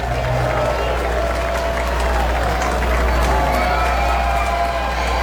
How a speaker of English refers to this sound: Two and two on Mikey Romero, and the crowd gets loud, rises to the occasion with Cusick trying to shut this down.